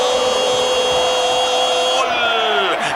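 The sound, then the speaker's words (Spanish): A power drill whirs with a loud, steady, high-pitched motor whine for a few seconds, then its pitch sags as the motor starts winding down near the end, in a radio advertisement for the hardware store Ferretería Casa Ramos in Caracas. “Taladro, Taladro, Taladro perfora la defensa para Ferretería Casa Ramos.”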